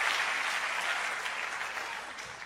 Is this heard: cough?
no